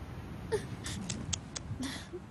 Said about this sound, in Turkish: Ağlama. Olur mu?